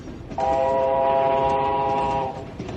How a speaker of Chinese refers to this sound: 火车一声鸣叫钻进了山洞，车厢里立刻变得漆黑。